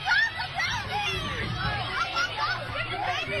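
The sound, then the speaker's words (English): Parents screaming and yelling during a brawl at a ceremony for kids moving up a grade at Ben Franklin School in Harrisburg, Pennsylvania: a dense, continuous crush of overlapping raised voices, loud throughout, with shouts rising above the crowd's constant hubbub. “Screaming and yelling is heard all throughout.”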